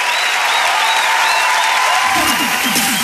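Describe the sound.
Sustained audience applause, loud and dense, a steady wash of many hands clapping close up, with faint voices and a brief rising tone mixed in near the end.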